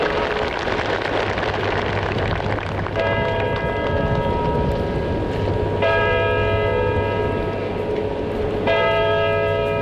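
The clock on the tower of the Royal Castle in Warsaw chimes its bells at 11:15 in a loud, ringing sequence, with fresh strikes arriving about every three seconds and each rich, sustained tone overlapping the last over a steady low hum.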